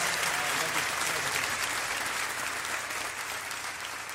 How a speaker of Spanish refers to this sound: Muchas gracias, Rayleigh. Un aplauso más fuerte para Rayleigh, por favor.